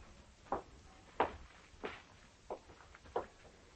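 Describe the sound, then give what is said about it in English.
Footsteps upstairs in a house: five steady, evenly paced thuds, soft and somewhat muffled as if coming through a ceiling, with no talking. “I heard footsteps upstairs.”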